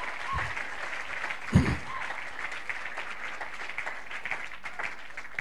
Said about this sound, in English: As you are clapping, your testimony is coming.